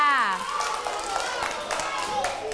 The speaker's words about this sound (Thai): ปรบมือให้ตัวเองหน่อยค่ะ